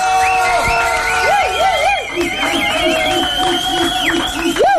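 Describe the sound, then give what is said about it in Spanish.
A crowd applauds and cheers loudly for several seconds for a Movimiento Ciudadano member from Morelia visiting the broadcast booth, a steady dense roar with rising and falling tonal whoops repeating over the top. “para quien pido un fuerte aplauso, por favor.”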